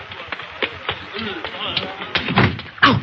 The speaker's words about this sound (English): I bumped into the wall. No, it's the door, Speed. The door we came through first.